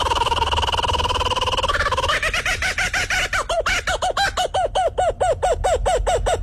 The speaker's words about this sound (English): That crazy noise is coming from a bird called a kookaburra. You believe that?